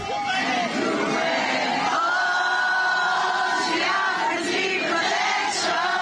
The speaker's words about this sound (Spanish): Antes de despedirse, abrió su casaca y mostró una camiseta de la selección peruana, provocando otra ovación entre los seguidores.